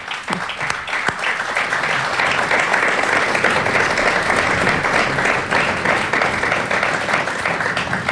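Sustained applause from a crowd congratulating an artist on her painting, a dense, steady clatter of many hands clapping at even loudness for several seconds with no voices rising above it.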